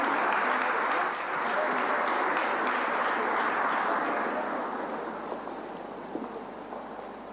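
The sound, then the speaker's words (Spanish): Sustained applause from a large audience bidding farewell to the President of the Republic of Paraguay at the Asunción 500 años forum, a dense crackle of many hands clapping at once that holds steady before gradually thinning and fading toward the end. “De esta manera y con un fuerte aplauso, despedimos al señor presidente de la República del Paraguay.”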